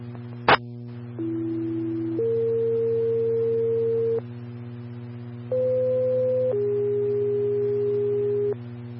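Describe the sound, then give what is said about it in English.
Dispatch paging tones for County Rescue 81 and Medic 7: a click, then two sequential two-tone pages, each a short steady pitch stepping up to a longer held one, separated by a brief pause, over a constant low hum. “unit, stand by for tones.”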